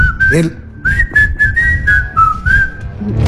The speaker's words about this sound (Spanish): El silbo.